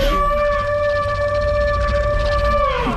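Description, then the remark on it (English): A long, sustained sandhill crane call with a steady tonal pitch and strong harmonics, pitch-shifted down and layered into a huge, dinosaur-like roar over a low rumbling bed, slightly dipping at the end. “We've got the sandhill crane, the bulger crane, pitch shifting it down, adding more layers to it, so it seems like it's not just, oh, we're listening to a small bird somewhere, but actually this, you can hear it being a much larger animal.”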